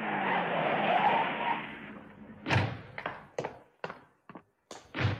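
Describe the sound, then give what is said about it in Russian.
A car brakes hard to a stop with a noisy, squealing skid for a couple of seconds, then a run of sharp thumps and knocks follows, like doors slamming. No voices. “Прикажите остановить машину, мистер Уинслоу.”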